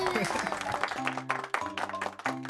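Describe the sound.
A burst of clapping from a small group for a child's drawing of people going to the sea, steady for a couple of seconds, with a sustained low tone and faint voices running underneath.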